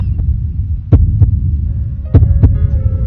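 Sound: heartbeat sound effect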